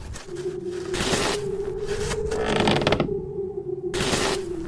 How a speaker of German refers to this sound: »Ach, es ist ja nur der alte Leo. Schiebt wieder Schnee.«